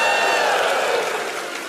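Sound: audience shouting and cheering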